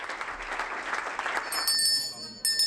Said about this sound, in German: Großer Applaus und Schulterklopfen. Für Michael Boddenberg ist es heute die letzte Fraktionssitzung.